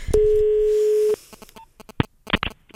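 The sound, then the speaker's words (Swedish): A steady telephone tone hums for about a second, then a quick, irregular run of short dialing clicks and beeps follows as someone places a phone call, clear, with no one speaking. “Jag ringer.”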